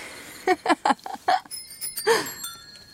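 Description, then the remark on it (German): Three different cyclists on a street ring their bicycle bells at the same time, the bright, high-pitched tones overlapping and lingering after a burst of short, choppy sounds at the start; the darker-toned bell belongs to the last rider. “Auf jener Straße klingeln gleichzeitig 3 verschiedene Radler.”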